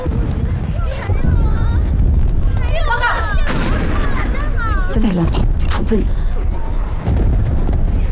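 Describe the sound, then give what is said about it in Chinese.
A dense artillery barrage of 85mm guns firing during a military exercise rumbles continuously, with heavy booms rolling one into another, loud and sustained, while several people talk and call out over the firing. “炮火集齐，85香弩炮，看这密度，应该是弹药快过期了，不打白不打，是演习。”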